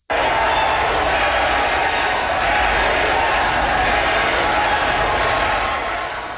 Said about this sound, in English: Carolyn Finlay was elected on the fourth ballot with 51% of the vote. A crowd of supporters cheered and chanted Carolyn's name once she was